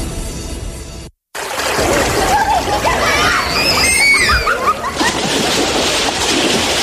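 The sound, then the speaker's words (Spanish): Steady splashing and rushing river water, with children in the river whose high-pitched shouts and squeals rise over it. A brief silent gap comes near the start before the splashing resumes. “Pariente, saque los niños del río y salga de usted también.”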